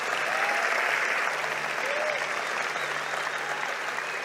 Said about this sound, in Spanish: Vamos, alguien que dé un aplauso al Señor por eso. Vamos, si lo vas a hacer, hazlo fuerte.